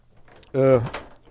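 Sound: door being closed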